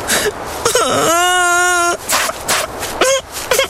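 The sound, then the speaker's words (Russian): A voice imitates a hare's tearful crying: a sustained, quavering wail followed by a few short, breathy whimpers and sobs, fairly loud. “Идет зайчик, горько плачет.”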